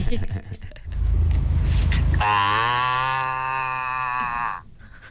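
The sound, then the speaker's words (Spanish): A person imitates a goat's bleat: after a brief low rumble, one long, loud, strained nasal "meeeh" with a wavering pitch, held for about two seconds. “Yo sé imitar a una cabra, la cabra loca.”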